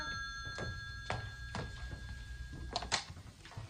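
A telephone rings steadily with a sustained bright tone, accompanied by regular thudding knocks about every half second, moderately loud, with no voices.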